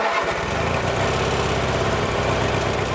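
A lawn mower engine sputters to life and settles into a steady, loud running drone with a buzzing mechanical rattle, continuous, no voices; a man mowing at a building site on the island of Saaremaa.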